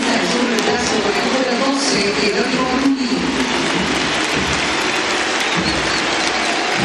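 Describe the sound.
A football stadium crowd, standing, applauds Dibu Martínez as he leaves the match, in a dense, steady roar of clapping that stays loud throughout, with a murmur of many voices blended into the noise.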